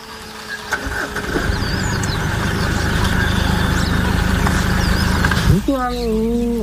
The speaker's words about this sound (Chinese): 叟猫的低吼是对猎豹的警告。两只猫科动物都不肯让步。